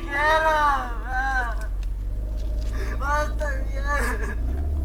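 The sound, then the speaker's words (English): A child sobs and wails in several shaky, drawn-out bursts with short breaths between, fairly loud over a steady low rumble of traffic or an idling engine, outside a bakery where community members protest officers. “Jacob's children are outside too. One is weeping.”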